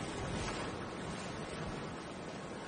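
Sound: ocean waves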